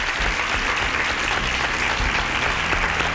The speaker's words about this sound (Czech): Tleskám vám.